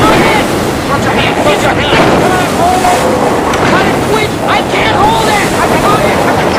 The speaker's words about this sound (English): Water pours onto the boat as violent waves crash against the stern.